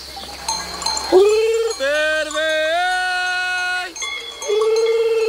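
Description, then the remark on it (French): A shepherd imitates a lamb's gurgling bleat with a few drawn-out, wavering vocal calls, loud, used to call the ewes, with faint bell-like clinks in the background. “C'est le gargouillis de l'agneau. Et du coup, nous, on le prend pour appeler les brebis.”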